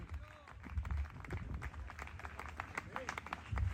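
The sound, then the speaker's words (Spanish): An audience applauds for God, with dense, irregular clapping running steadily throughout at moderate loudness. Scattered voices and brief calls rise over the clapping. “Dele fuerte ese aplauso si es para Él en esta hora.”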